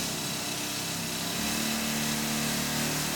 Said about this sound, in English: the rock tools we were using were when we used to use air-leg mounted rock drills... They were pushed in by what we call an air leg, a pusher leg. 4 or 5 or 6 hours a day, depending on what you were doing.